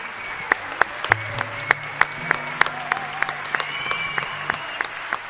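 Audience applause welcoming a Chilean musician, with sharp, distinct claps standing out over a steady wash of crowd noise, holding at a fairly even level for several seconds, with faint whistle-like tones and murmuring underneath.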